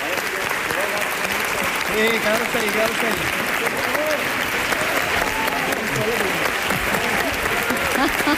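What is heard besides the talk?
standing ovation applause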